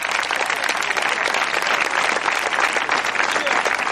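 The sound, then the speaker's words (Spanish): Sustained applause from an audience, a dense, steady wash of many hands clapping at even loudness throughout, with no distinct voices standing out. “El fuerte ese aplauso sea para él.”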